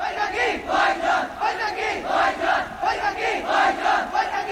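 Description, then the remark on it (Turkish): A large crowd of people of Pakistan shouts in unison in protest, a loud rhythmic chant rising and falling in repeated surges, calling out a slogan together. “Bu sesleri duyuyor musun? Bu Pakistan halkının sesi.”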